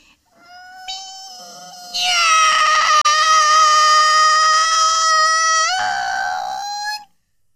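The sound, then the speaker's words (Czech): A person with knees bent imitates a cat with one long, drawn-out meow, starting soft, swelling into a loud, bright wail in the middle, then bending down in pitch before stopping abruptly. “Tak, kolínka pokrčená a už mňoukám.”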